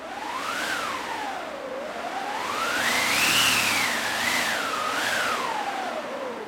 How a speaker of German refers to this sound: Dann habe ich noch einen Wind dabei. Da haben wir eine eigene Maschine, die sogenannte Windmaschine.